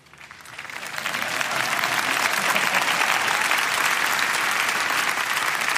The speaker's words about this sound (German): Applaus